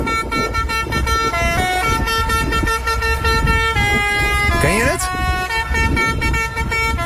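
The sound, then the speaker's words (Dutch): A fire engine horn in Julianadorp plays a bouncy children's tune, loud, sustained notes stepping up and down in a repeating melody, with a brief spoken voice over it. “Maar in Julianadorp maakte de brandweerauto in één keer een heel ander geluid.”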